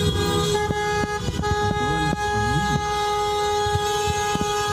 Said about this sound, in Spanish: todos los vehículos pitando, las motos, las personas habían parado. Fue como el sentido homenaje que se le hizo a la ciudad.